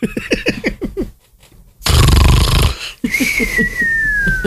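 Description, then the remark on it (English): A person imitates snoring with their voice: a loud, raspy snort in the middle, framed by quick rhythmic vocal grunts and followed by a thin, sliding whistle. No actual words are spoken. “It'd snore at him.”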